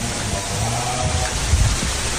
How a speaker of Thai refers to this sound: บรรยากาศร่มรื่นนะคำชะโนดนะนี่เสียงลมนะครับมีต้นไม้นะครับมีพญานาคได้ยินเสียงลมใช่ไหม